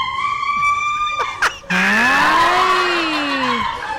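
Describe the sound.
A voice imitates a woman screaming loudly: a shrill, sustained cry, a short break, then a longer, strained wail that wavers in pitch for several seconds, with no talking.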